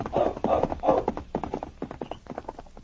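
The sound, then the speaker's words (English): A sergeant's saddled horse, Blackie, gallops off in a rapid, uneven drumming of hooves, loud at first, then growing lighter as the horse moves away. “Hastily pulling on his boots and tunic, the sergeant saddled his horse.”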